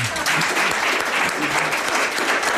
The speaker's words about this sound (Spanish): Pero nuestro público de aquí es espontáneo, uh-huh, es libre y sin que les hayamos comprado, ¿verdad? En absoluto. Nos aplaude.